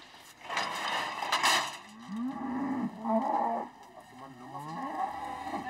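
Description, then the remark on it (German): Cattle moo during claw trimming in a few drawn-out, wavering lows that rise and fall in pitch, following a brief burst of harsh clattering noise at the start. No one speaks. “Der Krach würde die Rinder nur noch mehr beunruhigen.”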